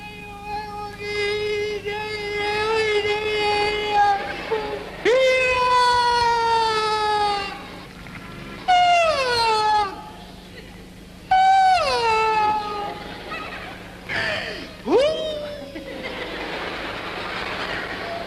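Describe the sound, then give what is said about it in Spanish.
The clown Charlie Rivel mimics a child's whimpering cry in his traditional mime entrance as a naive child at the Price circus: a string of loud, drawn-out wails that rise and fall, with short sobbing breaks between them and no speech. “¿Qué te pasó? ¿Por qué estás llorando?”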